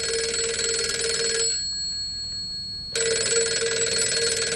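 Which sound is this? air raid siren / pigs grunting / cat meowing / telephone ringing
telephone ringing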